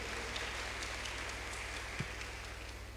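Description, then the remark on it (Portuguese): A crowd applauds a birthday celebrant: many hands clapping in a dense, steady patter that holds at an even level throughout, with a low electrical hum underneath and no voices. “Uma salva de palmas também para ela, aniversariante.”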